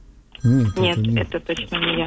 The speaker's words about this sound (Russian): Вот как вот сейчас. Да. Это не вы мне звоните, кто-то звонит.